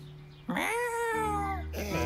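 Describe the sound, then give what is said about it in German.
A single drawn-out cat meow, loud, rising then slowly falling in pitch, with a low steady hum underneath and the start of another cry at the end. “So, liebe Katze, dann kletter jetzt mal den Baum hoch.”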